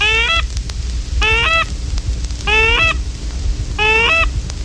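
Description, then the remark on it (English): A goose highball call, sounded as geese approach: four loud bursts of rapid, descending honks, repeated about every second and a half over a low steady rumble, with no one talking. “On the approach of geese, sound out the goose highball call.”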